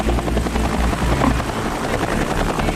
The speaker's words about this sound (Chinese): 他已经超出了我们的想象。他把直升机移到了下一个啤酒瓶的地方。